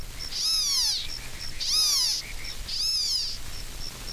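A black-tailed gnatcatcher (California coastal form) gives three harsh, buzzy, downward-slurred mewing calls at steady intervals, clear, with faint high ticking notes repeating in the background.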